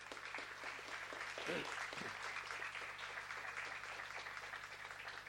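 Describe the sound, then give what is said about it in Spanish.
Sustained applause from a crowd at a Holy Mass (Santa Misa), a dense steady patter of many hands clapping for several seconds, with a faint low hum underneath and a brief voice-like murmur partway through. “Y a todos nosotros, Yayuhawere Mombirú Migui, Mombirúja Mombirú Begui Yayú, y un fuerte aplauso para todos.”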